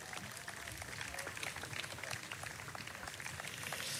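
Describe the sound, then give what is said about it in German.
A crowd claps steadily for four seconds, a dense patter of many hands at an even level with no voices standing out. The applause greets the city councillors at the Karlsplatz festival. “Deswegen freue ich mich sehr, wenn Sie mit einem großen Applaus unsere Stadträtinnen und Stadträte ebenfalls begrüßen.”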